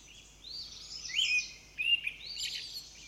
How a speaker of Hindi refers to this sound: शाम को पक्षियों की चहचहाहट सुनाई देने लगी है।